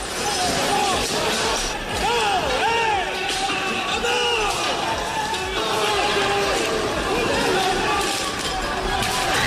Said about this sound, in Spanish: Gente encapuchada, vestida de negro, con palos, bates de béisbol, petardos y una batalla campal. Han volado sillas, mobiliario urbano. Bueno, este es el sonido.